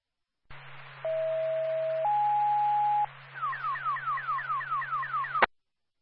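A radio dispatch alert tone, sent out for a fire alarm activation with active water flow, over a steady background hum: a long, loud steady beep, a second steady beep at a higher pitch, then about ten rapid falling warble sweeps that end abruptly.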